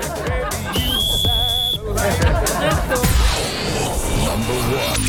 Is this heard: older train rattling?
no